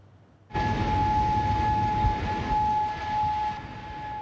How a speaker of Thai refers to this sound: เสียงไซเรนดังขึ้นเหนือกรุงคูเวตซิตี้ของคูเวตพร้อมกับระบบป้องกันภัยทางอากาศที่เริ่มทำงานเพื่อสกัดกั้นการโจมตีหลังจากอิหร่านโจมตีเข้าไปในคูเวต